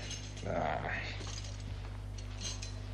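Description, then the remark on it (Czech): A brief metallic jingle of keys being handed over, a short cluster of light clinks that fades quickly over a steady low background hum. “Tady máš ty zatracené klíče.”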